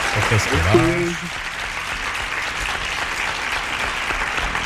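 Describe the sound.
Steady applause from a group of people, a dense even patter of many hands clapping for several seconds, with a brief spoken voice over it at the start.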